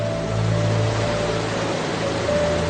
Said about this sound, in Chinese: 小瀑布映衬着北极之光，川流直下。